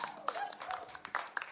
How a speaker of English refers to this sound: And without these people, we are nothing. So give it a round of applause.